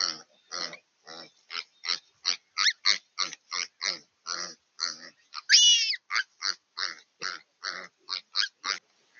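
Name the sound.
piglets squealing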